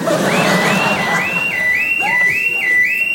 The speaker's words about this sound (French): Oh merde, l'alarme.